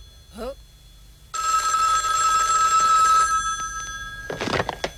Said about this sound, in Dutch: Oh, telefoon. Telefoon.